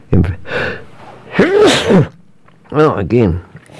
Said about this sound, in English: Just the one that time, that's right. Can't handle that. Sorry about that. One thing about sneezing, you cannot stop it. If it starts, it just goes on and on and on until it's done its thing.